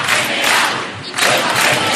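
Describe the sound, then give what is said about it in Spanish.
A large crowd at a tenants' union assembly in the Puerta del Sol, Madrid, chants a slogan loudly in unison, a dense wall of voices that dips briefly midway before surging back in full. “Además del no nos vamos, nos quedamos, en la asamblea organizada en la Puerta del Sol se escucharon recurrentemente 2 palabras.”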